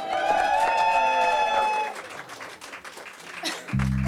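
An audience claps steadily in a dense, crackling wash, with sustained tonal notes ringing over the first half; the applause thins out before a low, buzzing note starts at the end.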